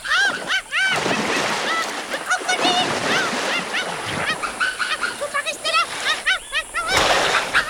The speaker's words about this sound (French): Un énorme crocodile préhistorique sort de l'eau, la mâchoire grande ouverte. Il fait claquer sa gueule béante dans le vide et manque le Darwinus de quelques centimètres.